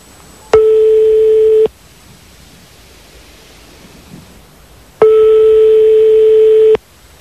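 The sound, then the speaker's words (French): A telephone ringback tone sounds over the line as a phone number is being dialed: two long, steady electronic beeps separated by a pause of a few seconds, fairly loud against a quiet hiss, with no talking. “On est en train de faire le numéro de téléphone”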